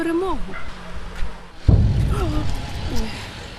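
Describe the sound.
Russian drones being shot down: one sudden heavy boom partway through, followed by a low rumbling tail, heard beneath a woman's ongoing speech.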